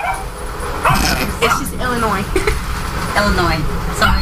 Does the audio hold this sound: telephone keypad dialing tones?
no